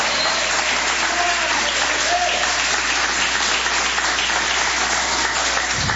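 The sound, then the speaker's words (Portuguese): An audience applauds together for Jesus as they sit down, a steady, dense wash of many hands clapping at once that holds at an even, fairly loud level for several seconds, with no one speaking over it. “Podeis assentar, assentando aquelas palmas bem bonita para Jesus.”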